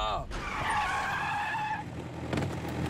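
A truck's tires screech loudly in a sustained, high-pitched skid lasting over a second as the vehicle brakes to a stop, followed by rumbling road noise.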